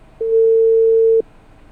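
A single steady telephone ringback tone of an outgoing call placed live to a listener sounds for about a second over faint line hiss, a clear mid-pitched beep heard through the phone line, with no voices.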